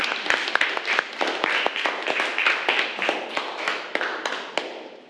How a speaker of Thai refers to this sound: อ่ะเดี๋ยวขอปรบมือให้กำลังใจเพื่อนหน่อยนะคะ